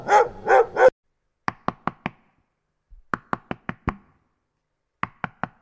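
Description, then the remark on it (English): A dog barks three times in quick succession, loud, followed by several rapid clusters of sharp, crisp knocking sounds separated by short silences. “Of course your dog loves dancehall and reggae and hip-hop.”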